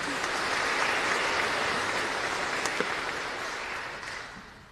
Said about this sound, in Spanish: A los catequizandos, catequistas, padres de familias, coordinadores que hoy nos ayudaron en la liturgia, muchísimas gracias. Aplauso a ellos también.